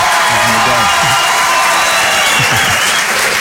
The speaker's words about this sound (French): Ça compte pour les droits d'auteur, ça, ou pas, les applaudissements? Oui, c'est pour ça qu'on les laisse. J'ai mis l'applaudissement dans les droits d'auteur. Allez-y, refaites-en quelques-uns pour voir.